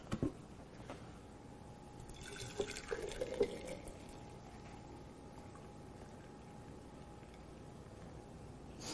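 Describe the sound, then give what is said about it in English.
Warm water pours steadily into a glass mason jar, a continuous liquid trickle with a faint rising tone as it fills, fairly quiet, with no one speaking. “Again, I like warm water. And then I like taking it and putting it in a mason jar.”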